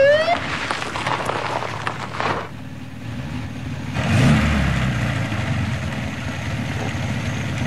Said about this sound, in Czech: Černozelený Mercedes. Bílé horko. Zelený porost. Mercedes 220. Dojíždí a zastavuje.